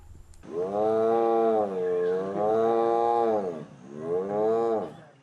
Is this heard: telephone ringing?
no